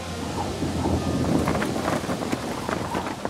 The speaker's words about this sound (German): Als es zu stark regnet, muss er doch eine Pause machen.